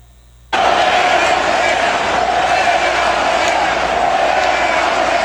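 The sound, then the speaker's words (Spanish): After a brief moment of quiet, a huge stadium crowd at an opening ceremony bursts into a loud, sustained chant of "Fuera Morena", a dense roar of many voices holding steady for about five seconds. “En la ceremonia de inauguración, este fue el grito que se escuchó.”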